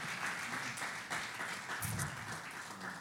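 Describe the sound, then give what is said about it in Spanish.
A crowd applauds a pastor steadily, the dense clapping forming a continuous wash of sound with a brief swell of cheering partway through and no talking over it. “Un fuerte aplauso por el tremendo hombre de Dios.”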